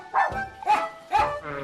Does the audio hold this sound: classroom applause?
no